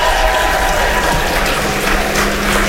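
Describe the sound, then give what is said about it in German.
A live audience at a music event cheers and claps together on the host's call, a loud, dense wash of applause with shouts mixed in, sustained steadily from start to finish. “Einmal jubeln, komm, einmal alle zusammen.”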